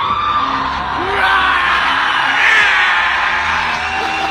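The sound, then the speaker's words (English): A crowd howls and yells continuously, a dense wall of high, wavering shouts and whoops that swell slightly midway, with scattered rising cries standing out from the roar. “Listen to the howling in the background like banshees from hell.”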